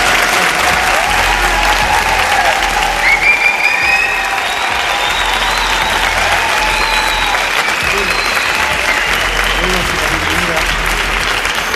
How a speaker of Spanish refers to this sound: El Palacio de Congresos de Albacete, que se sienta la fuerza de este lugar donde estamos, con un fuerte aplauso para que nos escuchen.